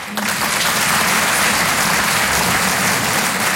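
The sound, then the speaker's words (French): A live audience bursts into applause in answer to a question put to them, a dense and steady wash of many hands clapping at once, loud and sustained for several seconds without any voices standing out. “Ok, il y en a qui n'ont pas applaudi, soit vous n'avez pas compris la question.”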